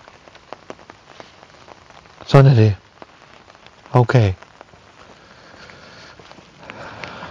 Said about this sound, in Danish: Og nu kan I høre, det begynder at regne kraftigt.